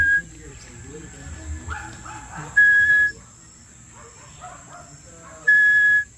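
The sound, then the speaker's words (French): Two loud, sustained whistled notes, evenly pitched and about three seconds apart, as a person imitates the call of a small tinamou, an imitation used in hunting to attract the birds, with soft voices and background murmur between them. “Ça, c'est le sifflement du petit tinamou.”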